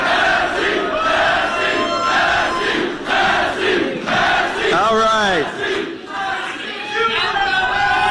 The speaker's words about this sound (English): That's the last time he's going to hear a crowd like that yelling his name.